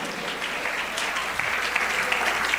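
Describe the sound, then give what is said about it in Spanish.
An audience applauds the name of Jesus, a dense crackle of many hands clapping at once, moderately loud and sustained throughout with no voices standing out. “¿Alguien puede aplaudir el nombre de Jesús?”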